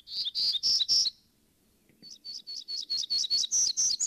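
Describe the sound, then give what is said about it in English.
A warbler, one of four closely related sister species, sings a bright, buzzy song: a quick series of high, wheezy notes, a short pause, then a longer run of rapid repeated buzzes, clear with no talking. “And, as sister species often do, they all put a unique twist on that bright, buzzy song.”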